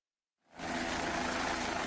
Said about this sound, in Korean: 실종된 우리 국민이 머물렀을 거로 추정되는 곳에서 그리 멀지 않은 네팔 둔체 마을 헬기장. 꼬리 부분에 네팔 국기가 새겨진 국방색 헬기 한 대가 이륙하더니 곧장 산을 향해 날아갑니다.